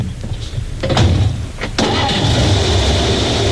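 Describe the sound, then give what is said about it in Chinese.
A car engine rumbles low and steady as a vehicle pulls up, with a few brief clunks before the engine noise swells into a louder, hissing drone that continues to the end. “车来了，走， 停车。”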